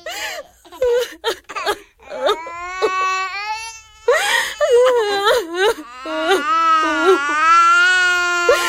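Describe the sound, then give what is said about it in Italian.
Several young children cry and wail loudly at night, their sobbing rising in long, strained, high-pitched bursts with short gasping breaks, the cries overlapping into a continuous distressed chorus, as their family is made to leave their home. “Niente, non succede niente, bambini. Dobbiamo solo cambiare casa, non piangete.”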